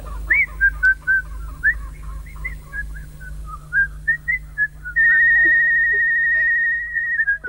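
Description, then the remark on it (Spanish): A person whistles a lilting run of short, wavering notes, then holds one long, steady high whistle for a couple of seconds, over a low background hum. “No sé silbar,”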